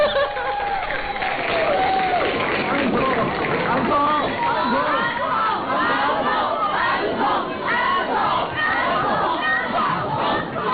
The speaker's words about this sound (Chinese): 食堂之夜毕业歌会完场的尾声，在观众高喊返场的欢呼声中